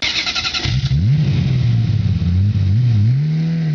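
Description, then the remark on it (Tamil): A car engine cranks with a brief rattling starter burst, then catches and revs, its pitch rising and falling across a few strong throttle swells before settling into a steady loud idle, as the car is started for a trip of about 10 kilometres. “சரி சார், என்னுடைய காரு இருக்கு, அதுல போயிடலாமே. கார்ல போயிடுவோம்.”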